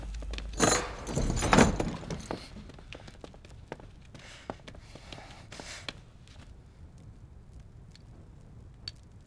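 A door being opened to let someone out of prison: two loud metallic clanks and a jangling rattle at the start, then quieter scattered clicks and taps, with no voices.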